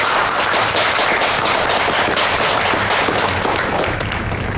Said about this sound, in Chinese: 专程来参加我们商会举行的舞会，这是我们的荣幸，大家再次鼓掌。